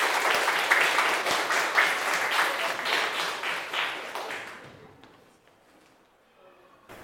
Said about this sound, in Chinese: 好，来，有请我们的肉菜摊主小组。好，大家掌声欢迎。